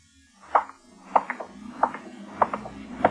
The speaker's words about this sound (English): The street was dark, deserted. There was a neon light a block away, and I started toward it. My footsteps echoed in the quiet street. Or was it an echo?